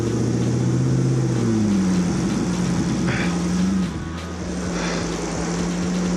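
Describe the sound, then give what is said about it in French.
A loud, steady engine roar from an 800 kg four-wheeled vehicle in Annecy while it snows, its droning pitch rising and shifting as it revs, then easing slightly toward the end. No voices. “Ça vrombit, c'est juste du grand n'importe quoi.”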